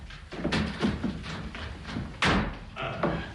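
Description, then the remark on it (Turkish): A few knocking thuds, then a louder clunk and rattle as a door is opened, with a little soft movement noise afterward. “Öldünüz mü yahu? Açın kapıyı! Geldim, geldim!”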